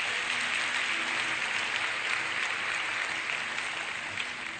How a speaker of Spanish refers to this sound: Un aplauso a la Biblia.